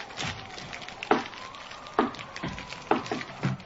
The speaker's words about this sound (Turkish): Dur, şu ateşe birkaç odun daha atayım da.